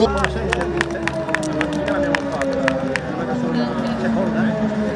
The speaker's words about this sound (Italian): Applausi a tutti, applausi meritatissimi, via via.